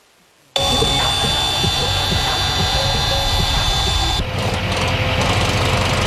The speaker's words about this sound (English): But this peace and serenity in this national park is often shattered by the screams of power tools.